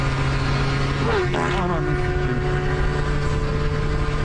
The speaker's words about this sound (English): Here's a dude who farts after an extremely fast motorcycle passes him.